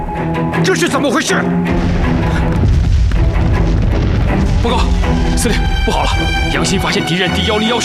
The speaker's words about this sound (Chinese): 这是榴弹炮和野战炮的爆炸声响，只有日军的主力部队才有。